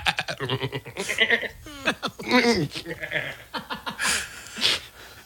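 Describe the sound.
A voice in a studio imitates a goat, letting out a run of loud, wavering, nasal bleats in quick succession, broken up by bits of chuckling.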